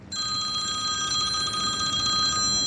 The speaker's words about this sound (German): Der hat im Moment nicht so viel Zeit zum Reden, fast gäng läutet sein Telefon.